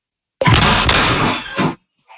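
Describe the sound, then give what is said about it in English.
A door at a home in Pennsylvania is kicked hard by teenagers as part of a social media trend on a Sunday, a sudden loud bang with a couple of quick follow-up impacts and a booming rattle that rings for over a second before stopping abruptly. “A woman said she has no way to lock her door now after teenagers kicked it as part of a social media trend.”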